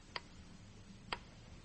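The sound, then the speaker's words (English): A grandfather clock ticks slowly and steadily, two crisp ticks about a second apart over a faint low hum, with no voices. “It's only a clock. Grandfather lock. It never stops day and night.”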